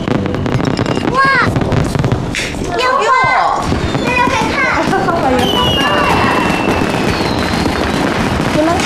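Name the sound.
fireworks and firecrackers exploding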